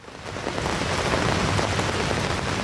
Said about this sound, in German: Bei strömenden Regen sitzt Gabriele Langen-Siebenhaar unter dem orangenen Dach eines kleinen Faltpavillons.